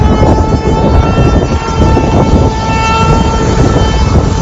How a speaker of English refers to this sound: Nobody hurt, no real damage, but folks vacationing at Aquadale Beach got quite the scare. Tornado sirens.